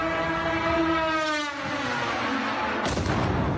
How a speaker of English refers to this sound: That was a Russian Garand 2. It's a long-range delta-winged drone carrying a 50-kilo warhead.